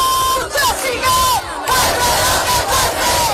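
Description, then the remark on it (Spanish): A large housing protest crowd chants loudly in unison outdoors at night in the Plaza de la Encarnación, Seville, Spain, voices rising and falling in repeated rhythmic phrases with brief dips between them, a dense roar of many people throughout. “Escuchamos los sonidos desde la Plaza de la Encarnación.”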